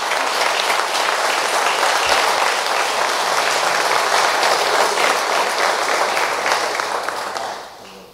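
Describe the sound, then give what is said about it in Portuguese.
An audience claps for Jesus together in a dense, steady burst of applause that holds strong for several seconds, then fades out toward the end. No one speaks over it. “E palmas para Jesus.”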